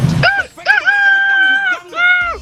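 A rooster crows loudly with a couple of short rising notes, a long held cry, then a final trailing call. No one speaks.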